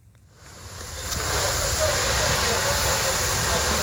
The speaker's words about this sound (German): Ein Feuerwehrmann schreitet im Morgengrauen über ein verkohltes Gelände. Seine Kollegen löschen letzte lodernde Flammen. Einsätze wie diese sind in der Ukraine Routine, so wie hier in einem Gewerbegebiet im Süden Kiews.